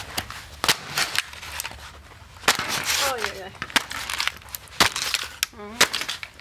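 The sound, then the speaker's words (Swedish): Hard, sharp cracks and crunches come in an irregular string of about nine loud impacts as an old helmet is stomped and crushed to see how much it withstands, with a short exclaiming voice between blows. “Här stampar vi.”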